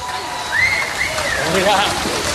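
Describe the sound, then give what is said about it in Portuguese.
A crowd applauds for the next artist to take the stage at a live show, in a steady, dense wash of clapping, with a few rising whistles and shouting voices cutting through the noise. “Um forte aplauso para o próximo artista a pisar este palco,”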